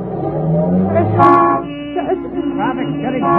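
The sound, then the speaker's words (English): Dense city traffic with several car horns honking and overlapping, loud, a steady blare lasting throughout with a brief sharper burst partway through. “Traffic's getting heavy. We're almost bottled up.”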